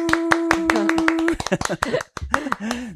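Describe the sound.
About ten quick, crisp hand claps in a brisk steady rhythm over a sustained hum-like tone, applause on a count of three to open an interview with a Pilates instructor from Jeonju, ending after about a second, then people begin talking.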